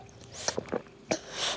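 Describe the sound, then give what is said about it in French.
A baby drinks from a bottle, making a few wet sucking and slurping sounds in quick irregular bursts, with no talking. “Il boit.”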